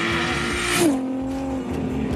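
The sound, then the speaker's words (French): A Supra sports car with over 1600 horsepower accelerates hard in a straight line in Dubai, its loud engine roar climbing in pitch, then dropping sharply at a gear shift before pulling steadily onward. No one speaks. “Oh la vache, on a l'impression qu'on fait du drift en fait en ligne droite, c'est un truc de taré quoi.”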